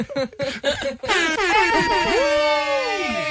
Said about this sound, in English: Here's some air horns.